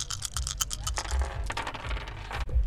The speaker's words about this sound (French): Une courte pause publicitaire pour le bruit des dés.